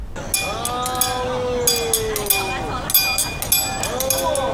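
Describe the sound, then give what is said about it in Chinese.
A train at a busy railway station crowded with passengers getting on and off: steady rumbling noise with long, gliding metallic tones like squealing brakes or a whistle, plus a few sharp clanks recurring at irregular intervals. “火车站里人很多，上下旅客紧慢活”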